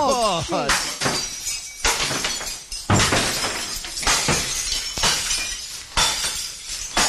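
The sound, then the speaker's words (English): Good crockery being smashed over and over in a crockery room, with loud shattering crashes arriving every second or so and bright ringing fragments scattering between hits, forceful throughout. “Get to the crockery room, mate. It's good crockery. I want to hear some smashing in there.”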